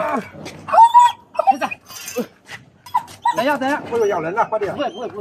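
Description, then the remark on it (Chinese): A large wolfdog trapped in the water of a river ditch whimpers with high, thin whines and gives a few sharp barks as firefighters rescue it onto the bank, while people talk loudly over the latter half. “被困男子成功获救后，消防员继续开展作业，将被困水中的狗狗安全救上岸。”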